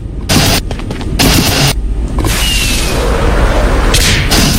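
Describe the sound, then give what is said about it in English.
Fireworks burst in a rapid string of sharp, loud cracks and booms, with whooshing launches and a dense crackle continuing beneath, no voices present. “How many of these fireworks?”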